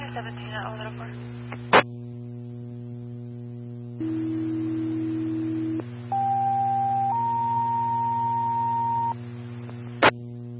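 A fire dispatch alert tone plays over a steady radio hum, paging Engine 6, Ladder 1, Battalion 1 and staff in Farmington to a fire alarm at 310 West Animus Street: a low tone for about two seconds, then two higher tones in succession, framed by sharp radio clicks at the start and end.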